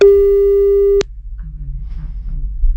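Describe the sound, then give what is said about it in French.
A single steady telephone beep, a loud mid-pitched tone with a buzzy edge, holds for about a second and cuts off sharply with a click, leaving only a low, faint rumble. “Vas-y, un bip bip.”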